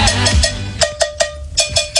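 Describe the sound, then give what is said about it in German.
A cowbell struck in a quick, steady rhythm, about eight bright metallic clanks in two seconds, each with a short ringing tone, played alone with no voices. “Das liegt daran, weil er die Kuhglocke spielt.”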